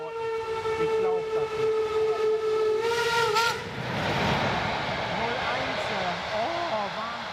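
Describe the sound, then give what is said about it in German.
A train at Schwanheide station in Germany, a former East German border station, sounds a long, steady whistle for about three seconds, then rumbles and clatters while faint voices talk in the background. “Schwanheide, früher DDR-Grenzbahnhof.”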